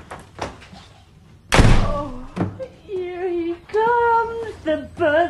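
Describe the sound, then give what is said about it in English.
A cupboard door under a staircase bangs shut with a single loud, heavy thud as a boy kicks it shut, following a couple of quieter knocks. Voices are heard talking right after the slam. “As Harry opens the door, his cousin pushes him back inside, kicks the door shut, and runs into another room.”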